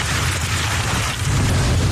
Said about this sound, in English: Listen, as storm chasers follow this ominous one near the Nebraska border, you can hear the hail slamming down.